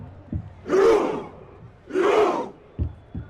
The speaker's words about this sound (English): Norway's Viking Roar has been a big hit in the United States, the soundtrack for a team enjoying their most successful World Cup campaign. Back in the country where it all began, the roaring is real